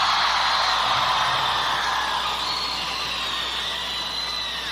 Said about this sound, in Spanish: El concierto de esta noche va a ir a parar a miles de partes de América Latina, así que a todos los jóvenes de León les pido que peguen un buen grito para todos los chavos de América Latina en el nombre de México.